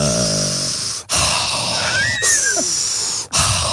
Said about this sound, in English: Mindful breathing. I think I kind of do that because I